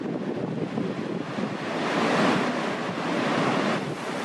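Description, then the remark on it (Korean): Victoria Falls, with its 108 m drop, roars at the cliff edge in a steady, dense rush of white noise that swells a little midway and never lets up, loud and unbroken, with no voices. “절벽 끝에서자 빅토리아 폭포의 장대함이 더 또렷이 느껴지는데요.”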